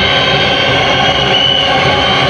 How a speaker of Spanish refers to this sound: Adentro con la 8, Maxi Mesa, se va a retirar el uruguayo Avaldo. Escuchá la silbatina, ah, mira.